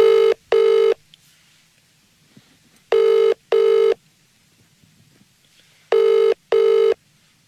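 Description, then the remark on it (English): A call to a phone number that appeared overnight in Dublin rings out three times, each a double-pulse ring-ring with pauses between, heard clearly over a quiet line with no talking. “We're going to give it a buzz and we're going to see what it's all about.”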